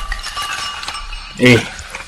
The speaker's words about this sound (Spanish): Destapate un guarito ahí, hombre. Destapate un guarito.